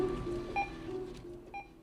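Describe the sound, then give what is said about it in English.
A barcode scanner beeps twice, about a second apart: short, bright electronic tones rising above a steady low hum and murmuring background noise. “The BBB of the barcode scanner counting the day away.”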